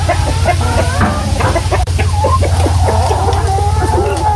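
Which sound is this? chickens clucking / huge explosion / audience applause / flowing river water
chickens clucking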